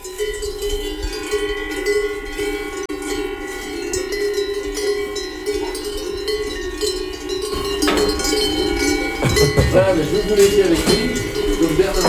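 Cowbells clank and jingle in a steady, overlapping wash of metallic tones, growing busier and louder near the end as more bells ring together, with cows moving about in a pasture by a chapel after milking.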